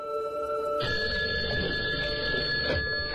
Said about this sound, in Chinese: 1984年9月4号，在卢森堡的南斯拉夫大使馆里，中国代表团围坐在一起，焦急地等待着消息。几个小时过去了，使馆的电话终于响了起来。